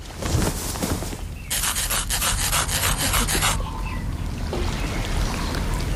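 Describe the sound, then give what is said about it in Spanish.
Someone lifts a trouser leg and scratches at a peg leg, which is actually a gold prosthesis, producing a harsh, rasping rub with a quick burst of rhythmic strokes in the middle, then softer scraping trailing off. No one speaks. “Perdonad, necesito levantarme el pantalón para rascarme.”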